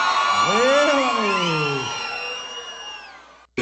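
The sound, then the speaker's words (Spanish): A loud crowd shouts and whoops together, many voices rising and falling in long overlapping yells that fade slightly before cutting off abruptly near the end. “Só quem não vai morrer de amor nunca na vida, dá um grito pra me ouvir, vai.”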